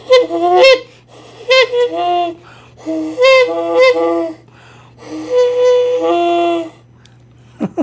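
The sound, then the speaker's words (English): A voice imitates a goose on the CFMU 93.3 FM radio show Have a Nice Weekend, with a loud series of nasal honks, some short and some drawn-out, separated by brief pauses, followed by a small click at the end. “I thank you for honking that one out”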